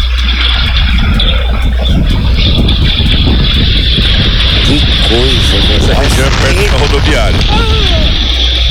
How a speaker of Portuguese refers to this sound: Olha lá, olha o vento. Jesus. Rapaz, olha o que entrou de poeira na casa dela, meu Deus do céu. Olha o barulho. Corre, minha filha. Corre do vento.